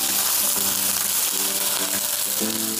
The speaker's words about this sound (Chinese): 现在这个黄骨鱼已经煎到两面金黄，我现在要往锅里加入热水。